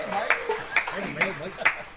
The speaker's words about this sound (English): Let's give those folks a nice round of applause for airing our program.